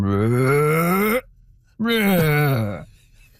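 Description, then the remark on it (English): A person imitates humpback whale song with two long, moaning vocal calls, the first rising slowly in pitch, the second swooping and wavering, loud and alone with a short gap between them. “justice to the full humpback whale voice, but it's something like.”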